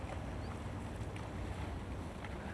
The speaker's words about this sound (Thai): คนสิงคโปร์นะครับเขาคนนี้นิยมก็คือเขาเร่งกีฬาแบบพายเรือนะครับพายเรือแบบนี้เห็นไหมพอดีมาแล้วโอ้ท่านใจมากมีผู้ชายด้วยมีผู้หญิงด้วย